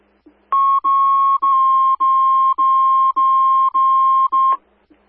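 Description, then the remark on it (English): Avon Fire dispatch tones for an EMS response: a loud electronic alert tone holds one steady mid-high pitch for about four seconds, broken into eight even pulses by tiny gaps, then cuts off abruptly. “Avon Fire, placing the tones A2 in Route 2, Stoughton 56, Capon Street, EMS response.”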